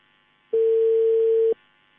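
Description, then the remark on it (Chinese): A single steady telephone ringback tone, one loud one-second beep with a clean pitch that starts and stops abruptly, as a call to a village party branch secretary's phone connects, heard alone with no talking. “电话正在接通。”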